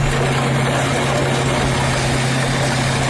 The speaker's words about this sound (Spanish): Así suena el momento suena, en el que, sí, sí, la excavadora pasa por encima de estas motos que están apiladas y tumbadas como fichas de dominó.